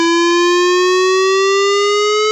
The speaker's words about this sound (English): sirens in the Red Lynch Valley, Brinsmead and Freshwater areas will take place on Thursday, 3rd of September 2026 between 10 a.m. to 12 noon. If you'll be in these areas during this time, please be prepared as you'll hear a siren sounding like this.